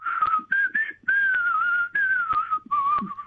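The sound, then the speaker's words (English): A person whistles a melodic tune, the notes gliding in sustained phrases broken by brief breaths, loud and clear with no talking over it. “Can you whistle for me this morning? Oh, look, I could try a little bit of, I don't know.”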